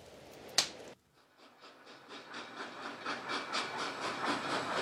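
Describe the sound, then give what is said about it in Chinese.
A sharp click, then a steam train starts up with hissing steam and rhythmic chuffing bursts that grow steadily louder and quicker. No voices are heard. The train is bound for Liverpool. “半小时之后， Polo 我以及 Rogren 警督乘上前往利物浦的火车”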